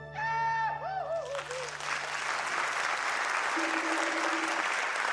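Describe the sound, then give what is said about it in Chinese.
A short wavering, pitched vocal sound gives way after a second to loud, steady audience applause, a dense wash of clapping that continues to the end. “谢谢，掌声，掌声”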